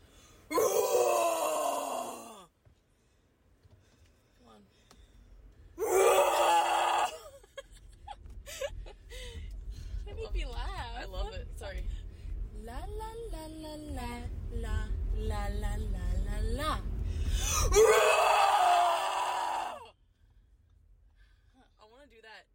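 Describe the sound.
Two voices let out loud, raw screams in three bursts, with strained wailing and moaning in between over a steady low engine-like rumble, close and intense.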